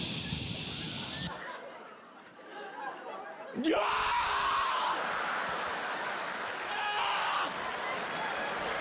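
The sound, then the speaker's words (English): A brief hissing spray of Bactine antiseptic on a scraped leg, a short pause, then a sudden loud scream of pain that rises sharply and trails into continued yelling and noisy commotion. “Stop screaming and thank me.”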